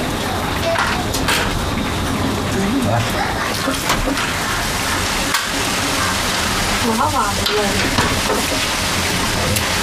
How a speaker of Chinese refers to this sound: 哎呀，这雨下好了。